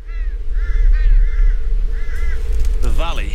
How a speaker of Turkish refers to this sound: Vadi dağ kargalarıyla dolu ve ben beslenmek için bu durumdan faydalanmayı planlıyorum.